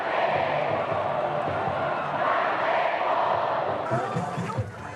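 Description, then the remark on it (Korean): A big baseball stadium crowd roars and cheers steadily as the game begins, fans of both teams cheering for victory, a dense wall of voices holding loud for the whole stretch, with chants and shouts rising within it. “야구장은 순식간에 함성으로 가득 차오릅니다.”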